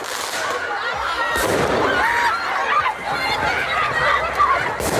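Fireworks going off, with a couple of sharp bangs cutting through the dense, continuous roar of hundreds of students shouting and running down a street in Paris, France, during student-led protests.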